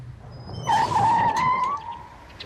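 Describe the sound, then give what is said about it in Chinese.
Chiang Kai-shek's car drives along the street and in through the opened iron gate of Li Zongren's residence over a low rumble, with a sharp, steady squeal lasting about a second before easing back into the background noise. “蒋介石的坐车驶过街道，来到李宗仁官邸门外，铁门打开，汽车驶入。”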